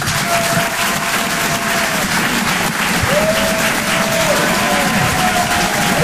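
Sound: audience applause and cheering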